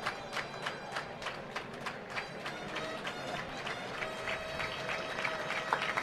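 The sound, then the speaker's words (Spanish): A bullring crowd applauds the picador with uneven, scattered clapping over a steady rumbling murmur, holding at a moderate level for several seconds with no clear voices. “Aplauso al picador, ¿no?”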